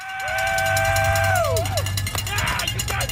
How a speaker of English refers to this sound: Supporters cheering on thousands of athletes daring to become an Ironman.